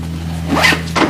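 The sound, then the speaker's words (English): A duffel bag packed with clothes is zipped shut in a bedroom in two quick, raspy strokes, over a steady low background hum. “In his bedroom, Peter packs a duffel bag with clothes.”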